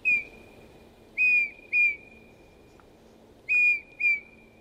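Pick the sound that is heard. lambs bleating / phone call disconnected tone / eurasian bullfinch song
eurasian bullfinch song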